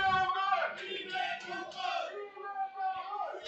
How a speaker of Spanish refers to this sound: La verdad es que se oye bastante a la afición ahí como, como sí. Gritan y como animan lo de las Rozas, como aprieta, ¿eh?